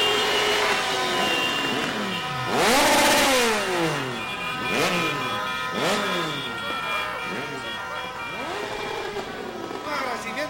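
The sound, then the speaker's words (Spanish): Vehicle engines rev loudly and repeatedly, each roar climbing and falling in pitch as a convoy of a delegation heading toward the highlands passes by, with a steady rumble and faint voices underneath. “Vaya los motores ahí.”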